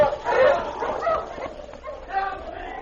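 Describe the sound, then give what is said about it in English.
Sled huskies bark and yip excitedly in quick, overlapping bursts as they are urged to pull a sled up to a cabin, a busy pack chorus of high, sharp cries with a few whimpering notes mixed in. “Come on. Let's get this sled up to the cabin. Up, you huskies, up!”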